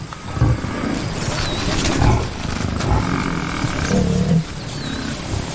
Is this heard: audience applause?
no